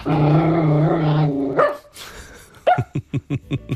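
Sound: dog barking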